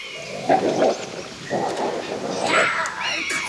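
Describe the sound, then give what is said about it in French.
Two wolves in a forest, about to fight, growl and snarl at each other in low, rough bursts, fairly loud, their rumbling rising and overlapping as the tension builds. “Oh, Mazette, des loups! L'affrontement de deux fauves se prépare.”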